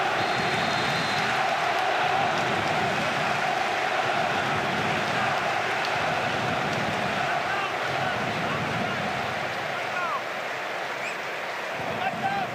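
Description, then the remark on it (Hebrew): Sustained applause from a large football crowd standing in memory of Gadi Kinda on the anniversary of his death, a dense, steady wash of clapping that holds at an even, fairly loud level for the whole stretch without pauses. “אנחנו עומדים יחד עם הקהל עם חיות כפיים לזכרו של גדי קינדה.”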